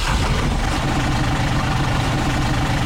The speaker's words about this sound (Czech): To je velký veterán. To je úplně Amerika jak hovado. Pojď ještě jednou tedy. Ještě jednou. Tak až uslyšíte tento zvuk motoru